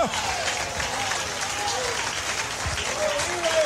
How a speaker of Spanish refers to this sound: Mientras puedes levantar las manos, aplauda al mismo tiempo también. ¡Alábalo! Manos señalando de que somos de arriba. Y aplaudiendo porque Cristo es mi Rey. ¡Alábalo!